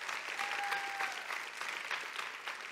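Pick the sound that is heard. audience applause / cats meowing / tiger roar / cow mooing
audience applause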